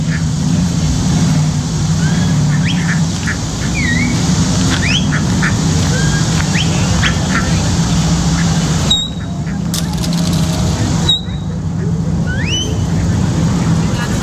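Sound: ducks quacking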